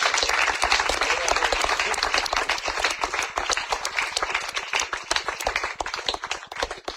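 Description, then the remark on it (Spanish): A church audience claps steadily in sustained applause, dense and fairly loud throughout, with rapid overlapping hand claps that thin slightly toward the end and no voices speaking. “Dele ese fuerte aplauso, señora.”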